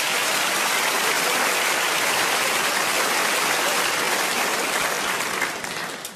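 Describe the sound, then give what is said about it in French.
A crowd claps steadily and densely for several seconds, a loud, even wash of applause that starts to thin out near the end. “Eh, vous avez applaudi ça, ouais.”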